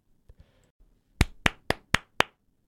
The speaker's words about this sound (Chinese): 那我们就不卖关子了，今天要分享的电影呢，就是2025年上映的台湾灾难动作惊悚电影《96分钟》，掌声鼓励一下。